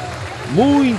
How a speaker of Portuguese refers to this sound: Muitas palmas para as entradas das equipas.